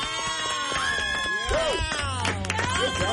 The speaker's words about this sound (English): Why am I clapping for myself?